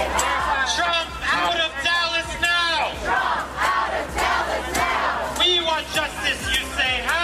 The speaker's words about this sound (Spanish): Cientos de activistas se concentraban al grito de Trump fuera de Dallas, en las inmediaciones del American Airlines Center, donde se celebra el segundo día de esa convención.